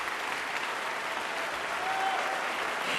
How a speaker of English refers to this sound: with that hearty applause, the audience calls Sheku Kanemason back for an encore